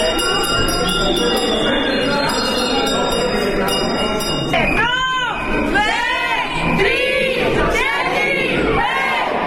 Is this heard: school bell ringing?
yes